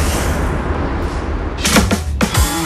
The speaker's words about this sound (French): Mais pour l'heure, à midi 5, toc, toc, toc, il frappe à la porte.